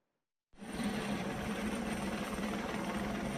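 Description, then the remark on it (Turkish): After a brief silence, a loud, steady helicopter roar cuts in abruptly, a dense rushing engine and rotor drone with a low hum that holds constant, without voices, as a helicopter lifts a crocodile out of the Komati River in South Africa during an operation. “Timsah nasıl helikopterle, bakın, oradan çıkarılıyor.”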